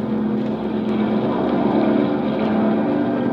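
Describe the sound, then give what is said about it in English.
A seaplane's propeller engine drones steadily at a constant loud level as the plane taxis on the water to find the wind and warm the motor before taking off: a low rumbling hum with a rough buzzing edge and no change in pitch, with no voices. “We bobbed on the water, then taxied for a minute to find the wind and warm the motor.”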